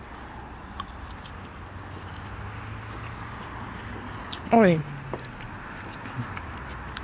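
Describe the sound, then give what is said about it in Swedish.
Crunchy grapes being bitten and chewed: faint, crisp crackles scattered over a steady hiss, with a brief voiced exclamation partway through. “Ändå ett krisp. Låter ju nästan som att du biter på ett äpple.”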